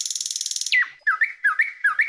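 A nightingale sings, opening with a fast, buzzy rattling trill, then a run of clear whistled notes that swoop downward and repeat in quick phrases. No voices.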